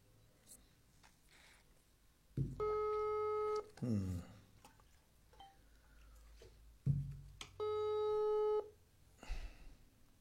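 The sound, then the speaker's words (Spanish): A telephone call to the municipal mayor (intendente) Manolo Solís rings unanswered, two long electronic ring tones separated by a few seconds of quiet, clear, with faint background noise between them and no one picking up. “Una de dos. O no atiende o específicamente no quiere atender.”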